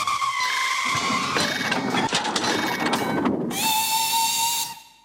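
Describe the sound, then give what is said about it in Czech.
A train brakes hard after its emergency brake is pulled, with a loud, sustained metallic screech and hissing steam, the shrill squeal holding steady before cutting off abruptly near the end. No one speaks. “Vykřiklo, vyskočilo a zatáhlo za záchranou brzdu. Vlak začal prudce brzdit.”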